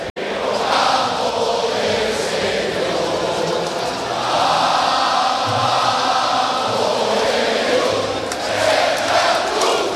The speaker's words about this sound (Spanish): Ahí está el himno del Club Deportivo Castellón, el aplauso de la grada de Castalia a los jugadores albinegros.